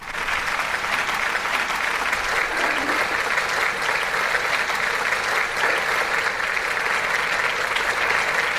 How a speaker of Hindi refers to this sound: तो उनको तालियों की गूंज में खुश आमदीद कहते हैं और देखते हैं वो हमारे लिए क्या लेके आए आज।